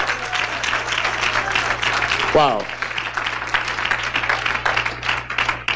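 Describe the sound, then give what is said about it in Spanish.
Sustained applause for God from a large crowd at a church service fills the whole stretch, dense and steady, with a single voice briefly calling out an exclamation in the middle. “Oh, si es para Dios, denle ese aplauso, por favor.”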